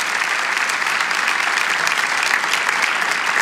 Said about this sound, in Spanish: Si lo creen, damos un aplauso al Señor.